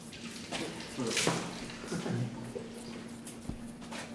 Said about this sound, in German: Ich brauche mal irgendwie einen Eimer mit ein bisschen Wasser, so viel Wasser drin oder so. Einfach kaltes Wasser, so wie es kommt.